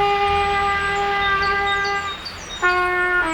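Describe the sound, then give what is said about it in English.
A child next door who is learning the trumpet blows a long, shaky, brassy note, sputters out for a moment, then blasts another strained tone. It is loud, with no one talking. “We can't help the kid next door learn the trumpet any faster.”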